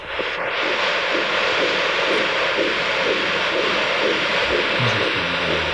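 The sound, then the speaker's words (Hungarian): A fetal heartbeat on a Doppler monitor, the heartbeat of one of two babies: fast, rhythmic whooshing pulses over a steady, loud hiss, with no one speaking. “Jó, akkor most még a szívhangokat is.”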